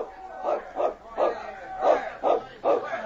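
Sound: dog barking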